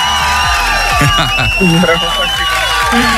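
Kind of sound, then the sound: crowd, applause and cheering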